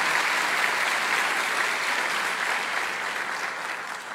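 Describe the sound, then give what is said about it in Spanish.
The audience of the Iglesia Cristiana Filadelfia in Bogotá, Colombia applauds in welcome, a dense, even wash of many hands clapping that holds strong throughout and eases off slightly toward the end, with no voices standing out. “La Iglesia Cristiana Filadelfia les envía un caluroso abrazo y un aplauso bien grande a todos ustedes de bienvenida.”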